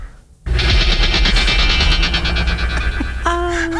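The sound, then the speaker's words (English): A bionic strength sound effect, the noise played when the character bent an iron bar, moved something or lifted a car: a loud, dense electronic whir pulsing rapidly for about three seconds, then settling into a steady, sustained synthetic tone. No one speaks. “And this is the actual noise.”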